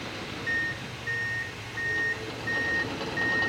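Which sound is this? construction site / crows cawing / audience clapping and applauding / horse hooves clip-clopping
construction site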